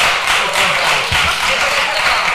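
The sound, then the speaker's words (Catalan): A group applauding in parliament: dense, steady clapping that fills the whole moment at a fairly loud, even level, with no voices standing out. “pels seus aplaudiments.”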